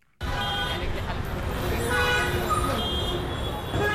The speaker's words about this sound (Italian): A Mumbai il traffico non fa da sfondo, ti viene addosso. Clacson continui, motorini che si infilano ovunque, autobus, voci, frenate. Siamo a Colaba, nel sud della città